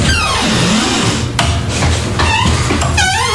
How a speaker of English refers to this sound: all of a sudden, one day, I start hearing this loud sound from, it has to be over 100 feet away, right? Yeah. The women's bathroom door is so squeaky.